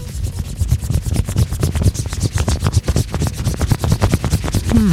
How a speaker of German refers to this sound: Wir haben das Geräusch zum Glück für euch. Sagt uns einfach, an was wir hier mit einer Münze gerade robbeln. Hört gut hin.